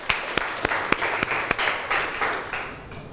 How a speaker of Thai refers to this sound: ขอเสียงปรบมือให้ตัวเองอีกครั้งหนึ่งครับ